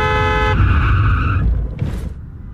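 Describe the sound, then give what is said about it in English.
A car horn blares in two sustained honks over loud engine rumble, followed by a brief hissing whoosh as the speeding car passes. “That car's going fast. Like it's about to run the... Watch out!”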